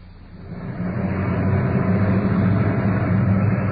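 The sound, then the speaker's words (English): A uniformed police car arrives on the scene of a trouble call and parks out in front: its engine rumbles up quickly and then holds a steady, low droning idle, with no voices and no siren. “Arriving on the scene at this trouble call is the uniformed car parked out in front.”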